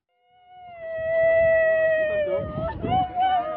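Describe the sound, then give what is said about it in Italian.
At the burial of an Ebola victim in Bunia, capital of Ituri province in north-eastern Democratic Republic of the Congo, a single voice holds a long, steady, high wailing note, part crying and part song, over a low murmur of other voices and rustling that swells toward the end. “Il pianto si alterna ai canti durante la sepoltura di una vittima di Ebola a Bunia, capoluogo della provincia di Ituri, a nord-est della Repubblica Democratica del Congo.”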